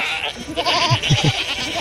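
Several goats bleat in quick succession, their nasal, wavering calls overlapping against a busy, rustling background, as a small herd crowds in from all sides, nudging, pushing and staring.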